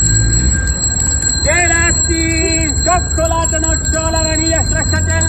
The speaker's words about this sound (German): Und noch wie früher mit der Klingel, was ich auch da vorne habe, und dann Gelati rufen, sodass die wieder runterkommen.